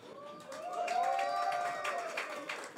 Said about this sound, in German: Jubel!